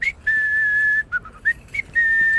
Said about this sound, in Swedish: Jag vet inte, vi har aldrig sett den minen riktigt på dig tidigare. Att överläppen på något sätt går ner. Och så kommer den ett visslingsljud ut.